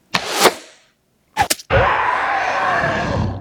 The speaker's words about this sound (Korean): 화를 든 연휘는 침착한 표정으로 화살을 하나 더 활에 매기고 괴수의 어깨를 향해 쐈다.